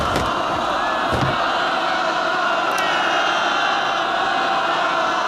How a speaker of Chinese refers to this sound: 上万的老百姓包围了列车，正在拆除北面的铁路。